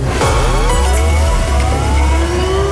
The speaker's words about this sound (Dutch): Dit is het voorbeeld, dus dit is niet het echte alarm. Dit is dus nog niet waar je op moet reageren om die noodradio in de wacht te slepen. Maar even voor dat je weet hoe die klinkt.